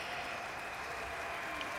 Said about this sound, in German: Und man hört immer noch den Applaus.